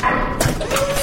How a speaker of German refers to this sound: Innere Tür wird geöffnet.